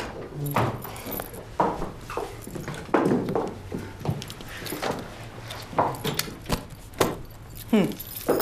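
Keys jangle in a series of bright metallic clinks and rattles, coming in irregular bursts as they are passed from hand to hand, with faint background rumble.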